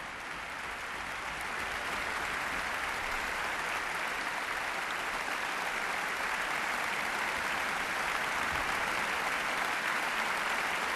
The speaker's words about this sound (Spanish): Aplausos de nuevo para todos los profesores y su director titular, Ludovic Morlot, de la Orquesta Sinfónica de Barcelona y Nacional de Cataluña.